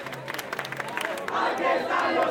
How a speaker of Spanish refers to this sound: Aquí es donde buena parte de los acampados se está concentrando hasta ahora, coreando cánticos y haciendo más visible y sonora la protesta.